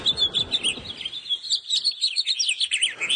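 Continuous, bright chirping and twittering from house finches in a favorite walking area in Edmonton, a run of quick high notes repeating without pause, moderately loud, with some low rumbling background noise early on.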